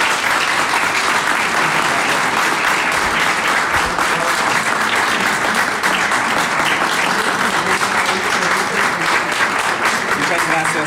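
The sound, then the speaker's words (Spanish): An audience claps steadily throughout, a dense, loud wash of many hands with no break, welcoming the Campodónico ensemble. There are no clear voices above the clapping. “Pues les doy la bienvenida al ensamble Campodónico, para quienes pido un aplauso.”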